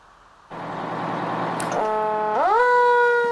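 A loud, unusual siren at an emergency-vehicle meet at Bienenfarm airfield near Nauen starts abruptly with a harsh, buzzy blare, then shifts into steady tones and sweeps upward to a higher, sustained wail, with no voices.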